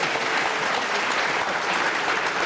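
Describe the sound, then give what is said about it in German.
An audience applauds during a show-of-applause poll about the Volksbegehren Berlin autofrei petition, a dense wash of many hands clapping at an even, fairly loud level throughout, with no voices standing out. “Gegenprobe, ging nicht um die Länge des Applaus.”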